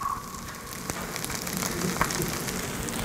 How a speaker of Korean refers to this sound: 지글지글거리는 소리. 치즈. 치즈.